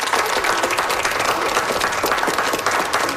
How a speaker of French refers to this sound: Je pense qu'on peut lui donner une bonne main d'applaudissement. Merci.